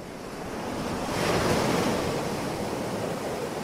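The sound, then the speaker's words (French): Atlantic Ocean waves wash steadily onto a white sand beach, a broad roaring surf that swells to a peak midway and then settles into a continuous rushing hiss, with no voices present. “Ce sont les vacances et vous posez votre serviette sur une plage de sable blanc en face des vagues de l'océan Atlantique.”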